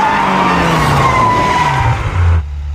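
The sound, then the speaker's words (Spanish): A car brakes hard at a red traffic light, its tires letting out a long, loud, high skidding squeal over a low engine rumble, the screech gliding slightly downward before cutting off abruptly. “¡Frena el auto!”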